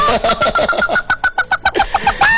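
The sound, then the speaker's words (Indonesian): A person imitates a hen about to lay an egg, a quick run of rhythmic, nasal clucks rising toward a louder squawk at the end, fairly loud with no other talk. “Ini kokokannya mirip kayak ini nih Bang, mirip kayak ayam pengen bertelur nih tadi.”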